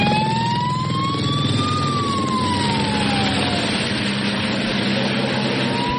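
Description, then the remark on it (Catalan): A fire engine siren, in footage firefighters record with phones or body-worn cameras while fighting wildfires, wails with a slowly rising and falling tone over a loud, rumbling engine and heavy background noise, continuous throughout, with no one speaking. “Són vídeos que graven els mateixos bombers, molts d'ells porten o directament amb el mòbil o fins i tot amb càmeres enganxades al cos, graven les seves pròpies actuacions i són increïbles perquè veus els bombers apagant el foc en el millor dels casos”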